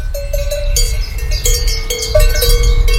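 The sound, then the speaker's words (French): Several cowbells worn by cows in a meadow, Tarentaise cows, clank and jingle in an uneven, overlapping rhythm, their bright metallic tones ringing over a steady low rumble. No one speaks. “Tu te retrouves devant une prairie avec des vaches possédant des cloches.”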